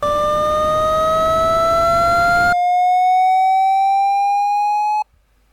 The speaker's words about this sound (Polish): Na początku będzie szum i będzie ton oznaczający lewą stronę, po czym szum zniknie, a ton się zmieni.